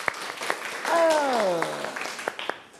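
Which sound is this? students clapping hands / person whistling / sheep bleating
students clapping hands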